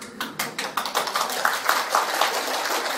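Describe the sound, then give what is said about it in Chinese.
An audience claps in a dense patter of many hands, sharp overlapping smacks that blur into steady applause at an even level, with no voices, clapping to show they are willing to cultivate good deeds. “拍手表示大家愿意修了啊！”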